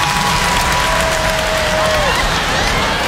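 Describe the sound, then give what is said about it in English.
An audience claps in response to being asked to clap if they think they would go to heaven, a dense, steady wash of applause that stays loud for about three seconds, with a thin whistle-like tone gliding through the middle of it. “By round of applause, how many of y'all think if the world were to end right now, clap if you think you'd go to heaven?”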